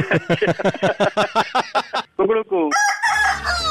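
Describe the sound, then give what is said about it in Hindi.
A rooster crows after a rapid run of sharp, rhythmic clucks, ending in a loud, bright, drawn-out cock-a-doodle-doo with a low rumble underneath, as a sound effect in a jingle for the Radio Mirchi show Mirchi Murga. “मिर्ची मुर्गा नवेद के साथ, ओनली ऑन मिर्ची, इट्स हॉट।”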